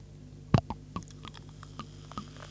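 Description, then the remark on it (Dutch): A clear, bubbly fizzy drink being poured from a freshly opened bottle into a glass: one sharp knock, then scattered soft pops and crackles of bubbles at an irregular pace, over a faint steady low hum, with no talking. “Zal ik hem voor de microfoon inschenken?”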